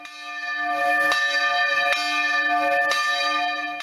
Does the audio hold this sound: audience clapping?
no